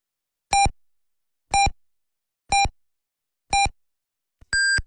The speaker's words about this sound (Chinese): 滨海文艺广播为您报时，北京时间21点整。